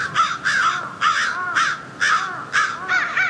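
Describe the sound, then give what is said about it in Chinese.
Harsh crow caws come in quick, overlapping bursts, about seven loud calls in under four seconds, sounding agitated, with several birds calling at once and no talking, as the crows discover a carcass on the ground. “乌鸦发现了地上的尸体，现场顿时混乱起来。”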